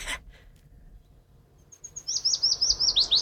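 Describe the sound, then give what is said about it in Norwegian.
A willow warbler sings a fast, sweet descending phrase of repeated high whistled notes, starting after a brief quiet pause and building steadily, clear with no talking. “Løvsanger.”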